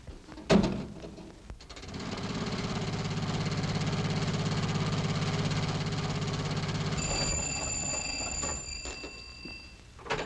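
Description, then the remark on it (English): After a sharp click, a car engine turns over and settles into a steady, low rumbling run for several seconds, then a high, shrill ringing comes in as the engine noise fades. “No, I'll take the jitney into town and get my car.”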